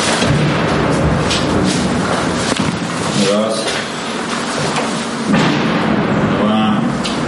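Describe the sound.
Repeated explosions boom through a noisy, rumbling outdoor background in Druzhkivka, Ukraine, as police go door to door looking for residents, with a few brief voices heard between the blasts.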